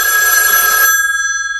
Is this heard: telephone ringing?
yes